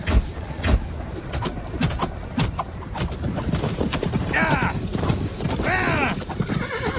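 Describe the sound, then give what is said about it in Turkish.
Horses whinny loudly twice amid a dense clatter of hooves, with repeated sharp impacts and a chaotic, crowded background, as cavalry horses in a battle fail to cross a trench and are spooked. “Atlar hendeyi geçemiyor. Geçenler de vuruluyor. Hayvanlar ürktü.”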